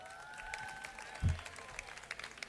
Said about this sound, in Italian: Fate un applauso